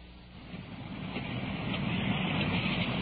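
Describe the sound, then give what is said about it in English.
Heavy rain pours down in a dense, steady hiss that swells slightly louder, with a low rumble underneath like an idling vehicle. No one speaks. “Rain's really coming down now.”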